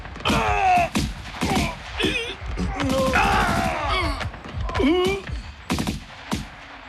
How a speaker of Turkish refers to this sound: Silah sesleri kesildi.